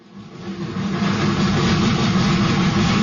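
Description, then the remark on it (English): A steam locomotive chugs steadily, its heavy, rumbling engine noise swelling in the first second and then holding loud and continuous, with no voices. “It began with two chugging steam locomotives, school car number one and school car number two.”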